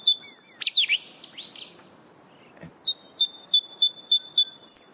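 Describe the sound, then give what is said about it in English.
A coastal bird sings alone in clear, high whistles: a few swooping phrases, then a steady run of evenly spaced ringing notes carrying over a quiet, faintly hissing background. “And but it's just got the most beautiful sound that you can hear, on the, especially on those still mornings by the ocean.”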